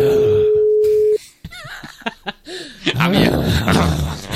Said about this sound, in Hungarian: Jó, egyelőre ő nem vette föl, jöhet a következő telefonszám.